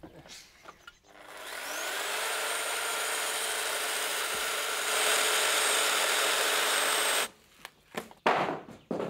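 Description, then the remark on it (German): A power saw whines up to speed and cuts steadily through wood for about six seconds, loud, cutting a window opening, then cuts off, leaving brief knocks and shuffling. “Bis muss ich dann schon konzentrieren und die Säge wegen festhalten.”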